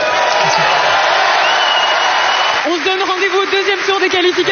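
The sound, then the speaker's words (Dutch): A large crowd in a full stadium at Roland Garros applauds and cheers for David Goffin after a first-round qualifying match, in a loud, dense roar that thins after a couple of seconds, as a man's voice begins talking over the lingering crowd noise. “Voilà, een prachtig en welgemeend, heb ik de indruk, applaus voor David Goffin.”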